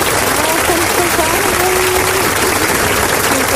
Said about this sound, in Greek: Δεν πειράζει, εμείς ένα χειροκρότημα θα το ρίξουμε ούτως ή άλλως, γιατί έχεις κερδίσει.